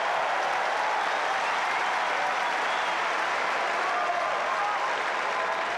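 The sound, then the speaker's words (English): A tennis crowd on Number One Court at Wimbledon (SW19) on a Saturday night, during the Bublik–Tiafoe match, applauding steadily: a dense, even wash of many hands clapping at constant loudness for about six seconds, with no talk over it. “Have a listen to the crowd, folks.”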